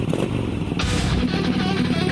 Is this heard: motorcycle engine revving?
yes